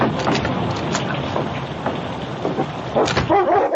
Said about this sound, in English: A violent storm was raging. Well, King, this is one night I'm glad not to be out on the trail.